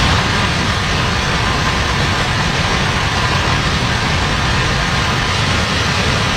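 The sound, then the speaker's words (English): Heavy rain pours down in a dense, unbroken roar during storms that triggered significant flash flooding across the US Midwest and West, dumping up to 4 inches of rain, with a constant hiss spanning low rumble to bright spatter, loud and steady throughout, with no voices. “That's what it sounded like as rounds of heavy rain triggered significant flash flooding across the Midwest and West.”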